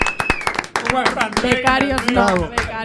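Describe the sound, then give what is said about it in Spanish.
An audience breaks into applause for a trainee, sharp irregular claps building into a steady patter while voices cheer and shout loudly over it. “Forte aplauso, por favor.”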